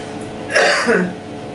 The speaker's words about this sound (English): Now, when we turn the computer on, so the computer understands the amplitude of that top line that is comfortable for her, we'll see what happens. Let's try the coughs again.